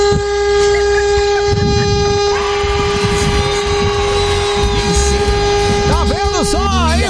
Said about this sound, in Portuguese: Meu Deus, que buzina horrível, velho. Buzina aí, meu filho. Não estou dirigindo, não, mas vê se essa buzina funciona.